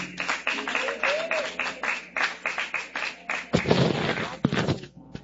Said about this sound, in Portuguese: Recebamos o pastor com palmas bem alegre para Jesus.